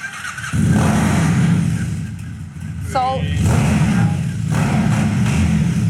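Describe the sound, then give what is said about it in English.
A Mud Motorcycles bike's engine fires up after a brief moment and runs loudly, its deep rumble swelling and dipping as the throttle is revved repeatedly. “We're gonna crank it up.”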